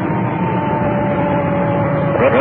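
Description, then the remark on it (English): An ambulance siren, just switched on as the ambulance runs code 3 to a call, wails over a heavy, steady rumble of vehicle noise, its tone holding fairly even before sweeping up and down near the end. “There's our siren. We just cut it in.”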